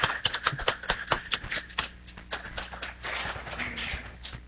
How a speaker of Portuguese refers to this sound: Vamos acolhê-lo com a calorosa salva de palmas.